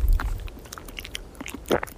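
Someone munches crisps outdoors in Brittany, France, with sharp, irregular crunches of varying loudness and a louder bite near the end. A low rumble of wind sits underneath at the start.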